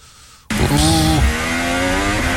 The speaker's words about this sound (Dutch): Oeh, twee auto's.